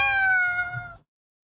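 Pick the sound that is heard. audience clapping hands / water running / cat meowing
cat meowing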